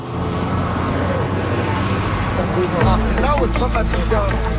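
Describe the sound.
Busy city street traffic outside Georges-Vanier high school in Montreal's Villeray district, near Autoroute 40, with a city bus's deep engine rumble that grows heavier partway through, steady road noise throughout, and many students' voices chattering as they exit the bus.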